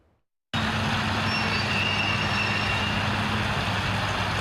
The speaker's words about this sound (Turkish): Kamyoneti dere kenarına çektiler.